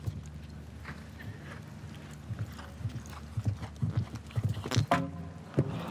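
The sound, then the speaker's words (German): The horse Cascade, ridden by Janne Friederike Meyer-Zimmermann in a competition, passes gas while galloping at a very high stride frequency, in rhythmic, low, breathy puffs that fall in time with its thudding stride, rising in loudness toward the end, with no talking. “Ach, weiß nicht, ob die Blähungen des Pferdes ein bisschen im Weg waren hier gerade.”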